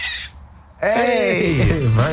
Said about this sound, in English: some squirrels scream because no matter what they do, they can't keep their nuts dry